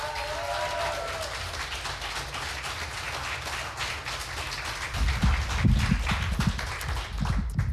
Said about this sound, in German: Sie wird eröffnet von einem jungen Mann aus Wien. Heißt ihn bitte herzlich mit einem 10-Punkte-Applaus hier vorne willkommen.